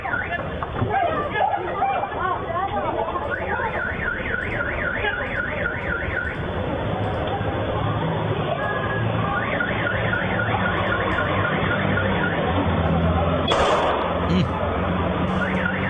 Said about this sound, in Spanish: Ahí estamos viendo en este momentico el momento del atraco. Opa. Se escuchan los disparos. Opa.